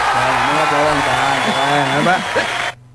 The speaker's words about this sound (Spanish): Bueno, aplausos, a ver.